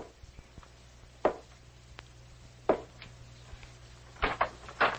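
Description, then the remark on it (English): Soft knocks on a bedroom door at about 2 o'clock in the morning in a prearranged signal: two single taps spaced apart, then a quick cluster of three, each a dull, muted thud over a quiet background hum. “I went to Sir Henry's room and tapped softly our prearranged signal.”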